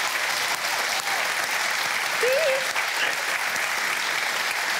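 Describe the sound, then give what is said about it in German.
An applause sound effect on the show Bingo, sent to a caller in the Harz: a sustained burst from a crowd, steady and fairly loud throughout, with dense clapping filling the whole stretch and a brief faint tone rising midway. “Wir schicken jedenfalls den Applaus in den Harz.”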